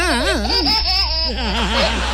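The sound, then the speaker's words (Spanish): A baby laughs in bright, wavering bursts, the pitch bobbing up and down in quick cycles, close and clear over a steady low hum like an old tape recording. “Esta guaguita que ustedes escuchan es real.”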